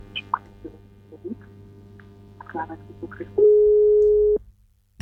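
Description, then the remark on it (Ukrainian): A single steady electronic tone, about a second long, like a telephone busy signal, comes through clearly on the line of a phone-in call after a few faint clicks and rustles, then cuts off abruptly. “У нас є дзвіночок 098.”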